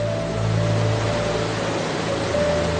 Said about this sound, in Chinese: 冰岛瀑布映衬着北极之光，川流直下。